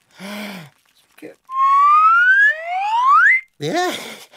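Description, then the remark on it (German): A shrill karma whistle is blown by Long John, a tomcat, in two long, upward-gliding tones, loud, with short bursts of voices just before and after. “Long John, wenn du in die Karma-Pfeife bläst, bleiben die Ameisen stehen.”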